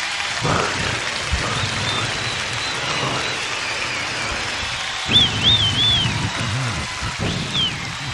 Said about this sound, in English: Okay, you got the applause.